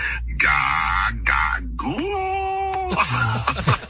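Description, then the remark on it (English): An AI synthetic voice imitates a newborn baby's whiny, wavering cries in short bursts, then breaks into a deeper adult-sounding laugh, fairly loud. “Can you just, like, make the sound of a baby in the background so I can say I gotta go?”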